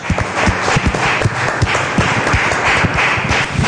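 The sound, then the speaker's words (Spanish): A church audience bursts into sustained applause for the Holy Spirit of God, dense overlapping claps filling the space steadily for several seconds, loud, with no one speaking over it. “un aplauso a grandioso Espíritu Santo de Dios.”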